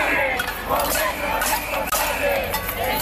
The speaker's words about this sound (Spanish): alrededor de un centenar de personas participaron ayer por la tarde en una cacerolada en Santander para exigir una política de vivienda digna. Con sus llaves en alto, se han avisado también que Cantabria no se vende, Cantabria se defiende.